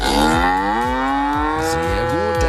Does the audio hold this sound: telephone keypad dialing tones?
no